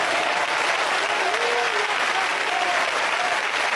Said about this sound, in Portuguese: Batam palmas para Jesus Cristo.